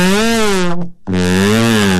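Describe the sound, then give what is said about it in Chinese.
A trombone imitates an elephant's trumpeting call with two loud, brassy bursts separated by a brief gap, its pitch bending and wavering. “我大概学一个大象叫， 大 概就听一下。”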